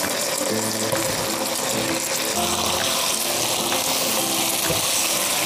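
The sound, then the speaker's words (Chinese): Green and red peppers being stir-fried in a hot wok, a loud, continuous hiss of frying with a faint low hum underneath and no voices. “我们看一下，把青红椒下入锅中翻炒一下”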